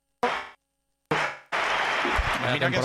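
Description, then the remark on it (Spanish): The Bernabéu crowd, on its feet, roars and applauds an ovation for Dani Carvajal in loud, dense bursts: two short swells cut off abruptly, then a sustained ovation of clapping and cheering voices that keeps going. “Entra Bellingham y la ovación que se va a llevar Dani Carvajal con el Bernabéu puesto en pie.”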